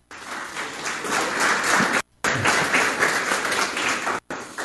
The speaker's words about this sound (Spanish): Bien fuerte los aplausos, por favor.